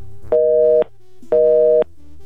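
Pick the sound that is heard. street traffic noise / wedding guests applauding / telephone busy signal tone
telephone busy signal tone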